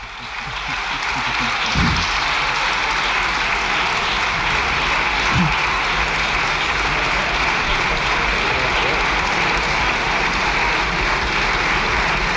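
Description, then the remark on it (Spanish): Sustained applause from deputies fills a parliament chamber, a dense, steady roar of clapping that stays loud and unbroken for the whole stretch with no speech over it. “Bueno, con el músculo ejercitado, con la visita del Papa, gracias, están ahora al juego de ver quién aplaude más tiempo.”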